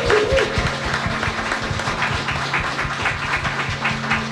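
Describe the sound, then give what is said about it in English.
A crowd applauds a woman who retired from military service at the rank of captain after 14 years and 8 months, many hands clapping in a dense, continuous patter at fairly loud volume, with a low hum running underneath and no voices. “So we need to clap it up.”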